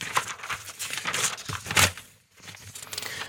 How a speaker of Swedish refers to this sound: Då bläddrar jag lite. Det är inte så långt att bläddra heller idag.